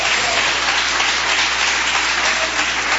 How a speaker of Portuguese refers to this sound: Pode se assentar e dar aquela salva de palmas para Jesus que ele merece. Pode bater mais palmas para Jesus.